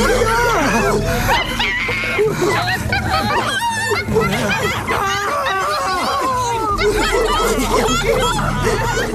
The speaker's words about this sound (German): Seht nur! Geflügelte Affen! Die kommen direkt auf uns zu!